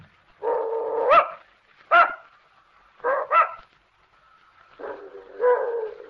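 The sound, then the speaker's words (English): An old female dog belonging to Mrs. Gillis barks in a string of irregular bursts, some short and sharp, others drawn out and whiny, fairly loud with quiet gaps between. “I don't believe your dog likes me, Mrs. Gillis.”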